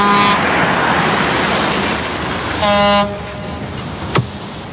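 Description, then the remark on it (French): A ship's horn sounds as the boat is about to depart: two short, loud, buzzy blasts, one at the start and another a few seconds later, over steady background rumble, followed by a single sharp knock. “Le bateau va pas tarder à partir.”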